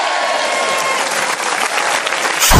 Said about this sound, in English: you'll be getting one round of applause for that genius slogan.